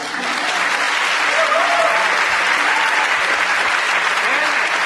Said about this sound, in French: Et tous l'applaudissent pour ce merveilleux exploit.